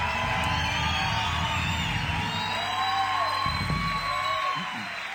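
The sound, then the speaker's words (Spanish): A large audience applauds loudly and steadily for Jesus one night, with scattered whoops and cheers rising over the dense wash of clapping throughout. “Aplauda fuerte a Él en esta noche.”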